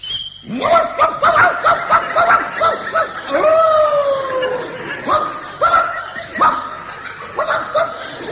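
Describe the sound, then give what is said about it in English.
A man imitates a dog, letting out a rapid run of loud yapping barks in an uneven rhythm, with one longer whining bark partway through. “You don't feel like a dog, for instance.”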